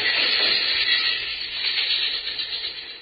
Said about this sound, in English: Lie low till the train goes past.